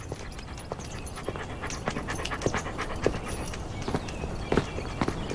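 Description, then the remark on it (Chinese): A large black police dog named Yika pants steadily, quick breathy huffs repeating over a low background, with scattered clicks and taps like footsteps or paws. “哎呦，这大黑狗， 对， 精神啊！”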